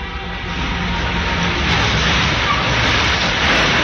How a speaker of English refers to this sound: Let's join the girls now as their bus rolls to a stop in front of her house.